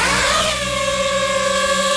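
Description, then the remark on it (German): A small camera drone buzzes steadily, its whiny motor pitch climbing at first and then holding level in a loud, continuous electric drone with no voices. “Ja, Drohne, eine kleine, eine, die man aus der Luft filmen kann, die man fotografieren kann.”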